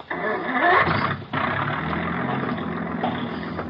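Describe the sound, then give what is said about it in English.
A car engine cranks to life and revs up sharply, then drops back to a steady, rumbling idle that runs on for a few seconds. “start that engine.”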